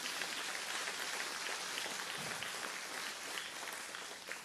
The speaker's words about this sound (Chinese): 你若是想拍手就把掌声归给神好吗？